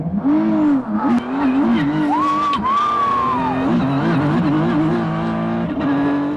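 A race car engine roars loudly and continuously as the car runs at 190 miles an hour around a street circuit in Washington, D.C., its pitch rising and falling through gear shifts, with a brief high tire squeal partway through.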